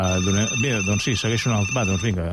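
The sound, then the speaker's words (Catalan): A telephone rings for an incoming call, its steady high electronic tone running throughout, layered over a prominent, melodic voice or vocal sound. “Són ja les 12, esperem si arriba alguna altra trucada, perquè si no”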